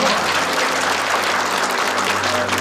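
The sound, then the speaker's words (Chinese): Steady applause from an audience, a dense wash of many hands clapping at an even loudness throughout, with no voices standing out above it. “好，掌声鼓励。”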